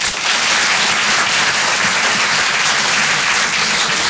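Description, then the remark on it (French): A crowd applauds steadily for about four seconds, a dense, even wash of many hands clapping at once with no pauses and no voices standing out; audience members clapping in answer to the question of who knows Carlos. “J'aime bien ce moment-là parce que je regarde tous ceux qui applaudissent pas qui disent putain ils sont nombreux les autres hein.”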